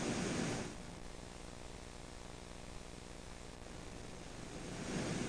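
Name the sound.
rain falling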